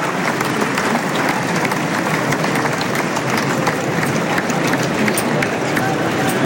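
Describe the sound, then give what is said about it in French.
A large bullring crowd applauds the picador steadily, a dense, continuous wash of clapping that holds at a constant loud level for the whole stretch, with faint crowd murmur blended in. “Manolo de los Reyes, Mathieu Guillon, Piquero applaudi.”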